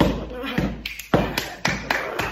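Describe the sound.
A run of about seven sharp taps in a steady, quick rhythm, made to imitate footsteps climbing the stairs after coming in the door at home, fairly loud, with faint voice-like murmuring underneath.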